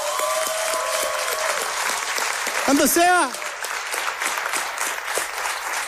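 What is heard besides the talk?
audience applause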